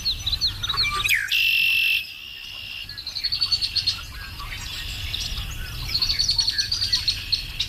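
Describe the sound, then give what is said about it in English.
Wild birds of the rural Ontario wilderness, including red-winged blackbirds and whippoorwills, chirp and sing in bright, repeated phrases over a steady outdoor background hum, with a loud buzzing trill in the middle and bullfrog or insect calls mixed in. “I missed the sounds of the rural Ontario wilderness, you know, the red-winged blackbirds in the morning and the whippoorwills and the bullfrogs.”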